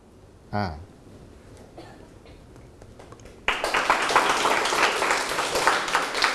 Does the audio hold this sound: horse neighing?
no